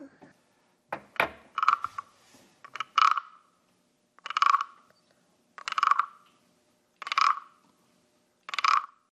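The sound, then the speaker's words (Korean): A wooden frog instrument is scraped along its ridged back, producing croaking, ratchety rasps—several quick irregular strokes at first, then five evenly spaced loud croaks in a steady rhythm, with no talking. “이거 등을 긁어주니까 노래를 부르네.”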